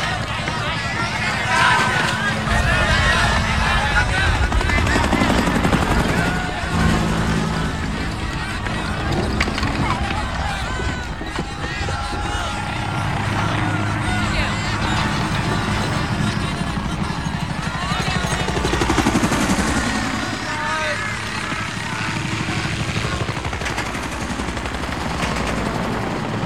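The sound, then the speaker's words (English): Military helicopters of the First of the Ninth air cavalry, escorts to the mouth of the Nung River, fly low overhead in a loud, continuous roaring drone, mixed with bursts of gunfire and indistinct shouting voices. “First of the ninth was an old cavalry division that cashed in its horses for choppers and gone terrassing around Nam looking for the shit.”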